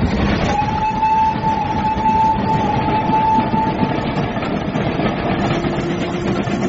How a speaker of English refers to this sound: I say, the train's about to rush into a tunnel. Gracious, we shall get awfully steamy and smutty.